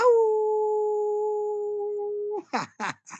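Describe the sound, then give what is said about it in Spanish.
A long, steady canine howl holds one pitch for over two seconds, then breaks into three quick, sharp yips. Loud, with no voices. “He dicho, he aullado”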